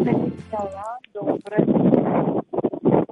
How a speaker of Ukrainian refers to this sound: щось так сильно задуває, щось заважає. А це просто я в городі і вітер дує.